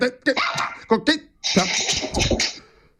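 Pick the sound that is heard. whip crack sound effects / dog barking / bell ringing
dog barking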